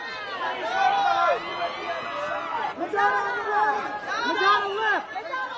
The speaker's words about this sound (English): All the photographers screaming at people on the red carpet.